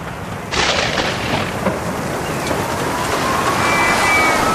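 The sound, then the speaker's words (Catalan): A deep rumble of thunder breaks in after a brief quiet moment and rolls on continuously, layered with the dense hiss of heavy storm rain, loud with no voices, in a Generalitat de Catalunya advert on Protecció Civil heavy-rain alerts. “Protecció Civil alerta de fortes pluges i recomana evitar desplaçaments innecessaris.”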